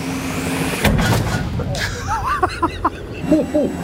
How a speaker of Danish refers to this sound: Og skal vi så ikke lige finde ud af, om de rent faktisk får skudt med sådan en... tank. Hør den. Du må skyde.